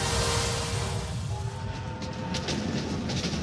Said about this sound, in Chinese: 1967年，一列看似普通的火车驶向中国广袤的内蒙古大草原，车厢内正是接到中央命令的七七部四院的科研人员们。